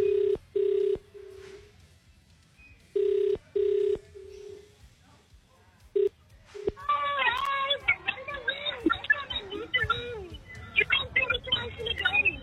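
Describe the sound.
A phone line's ringback tone purrs in paired bursts a few times, thin and telephone-filtered, on an outgoing call placed by the KFM radio station, before a voice picks up and people start talking over the line.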